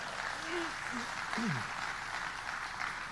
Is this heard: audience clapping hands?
yes